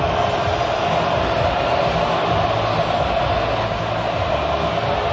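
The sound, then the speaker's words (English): A small pocket of Hawthorn fans in the arena cheers and roars after a win, a steady, dense wall of noise that stays loud and unbroken for several seconds, with no single voice standing out. “and there was a huge amount of energy because they know what it meant to get the win over here as we hear the crowd getting right behind their players.”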